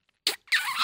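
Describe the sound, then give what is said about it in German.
A wet kissing smack into a microphone: a short sharp pop followed by a longer, moist squelching smear of noise, fairly loud and with no talking. “Das klang wie ein feuchter Pups. Aber naja, ey, so unterschiedlich ist das. Ein feuchter Schmatzer und ein süßer Schmatzer.”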